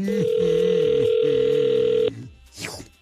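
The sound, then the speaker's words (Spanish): A steady, loud telephone dial tone hums for about two seconds as a call is being dialed, then cuts off abruptly, followed by a brief quieter rustle and a short sweeping sound. “Entonces, márcale, por favor.”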